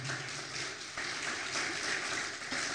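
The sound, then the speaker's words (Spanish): A crowd applauds the Lord, with dense, sustained clapping at an even, fairly loud level throughout and no clear voices standing out. “Un aplauso, por favor, al Señor.”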